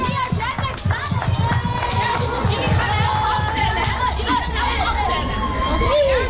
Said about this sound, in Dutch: Voordat we gaan afstellen wil ik allereerst een heel groot applaus voor al die vrijwilligers en de sponsors die dit geweldig evenement mogelijk hebben gemaakt. Applaus!